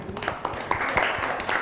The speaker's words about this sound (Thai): แจกันใส่ดอกไม้จากไม้ไผ่ใช่ไหมคะในท้องถิ่นเราก็มีไม้ไผ่เยอะเนาะเก่งมากค่ะปรบมือให้กลุ่มสองค่ะ